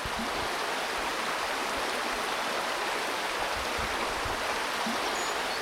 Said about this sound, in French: Les eaux de la rivière, le Merdereau.